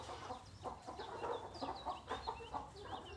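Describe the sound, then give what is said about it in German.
Several Blumenhühner (flower hen breed chickens), kept for eggs and for breeding, cluck in a busy, overlapping chatter of short, irregular calls, with some higher chirps mixed in over a steady low background rumble. No one speaks. “Wir halten die Blumenhühner vorrangig natürlich für die Eier”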